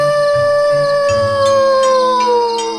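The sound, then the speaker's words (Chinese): A wolf howls at the moon on a full-moon night in a long, sustained, slowly falling tone, loud, with faint background rustling underneath and no talking. “今天是月圆夜，这儿的狼大哥又在对着月亮乱叫了。”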